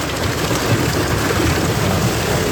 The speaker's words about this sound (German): Es hat ordentlich runtergehauen. Richtig fette Hagelkörner, teilweise Sturm mit dabei. Unwetter in der Nacht über Thüringen.